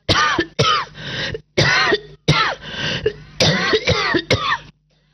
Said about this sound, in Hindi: खैर, उसने दरवाजे को जोर से धकेला तो बरसों की जमी धूल उस पर छिटक कर गिर पड़ी। चलो, किसी ने गले लगाकर स्वागत तो किया। वो हंसा तो धूल मुंह में घुस गई और वो खांसने लगा।